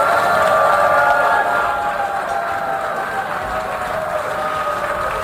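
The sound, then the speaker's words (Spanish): A large crowd of delegates in the UN General Assembly hall boos loudly and continuously as Israeli prime minister Benjamin Netanyahu goes up to the podium to speak, a sustained wall of jeering voices mixed with scattered clapping, holding steady with no speech. “Así ha reaccionado el plenario con abucheos cuando Benjamín Netanyahu ha subido a la tribuna”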